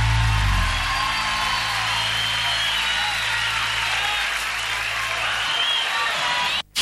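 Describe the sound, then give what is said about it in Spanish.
A crowd applauds in a dense, steady wash of clapping that holds at an even, loud level for several seconds before cutting off abruptly, with a brief low rumble at the start. “aplauso a la Pepa.”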